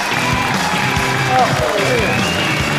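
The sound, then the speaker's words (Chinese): A steady wash of audience applause welcoming the well-known film and TV actor Hou Jingjian runs for a few seconds at a constant, fairly loud level, with crowd noise and a few faint tonal sounds mixed in. “有请著名影视演员侯京健，掌声有请。”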